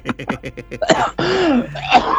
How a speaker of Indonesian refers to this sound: Masih batuk nih. Aduh.